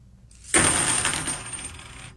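Fifty 90% silver half dollar coins drop onto a table with a bright metallic clink, striking other coins and ringing out in a shimmering high tone that fades over about a second and a half, clear.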